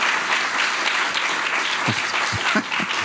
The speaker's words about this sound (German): Das ist Ihr Applaus.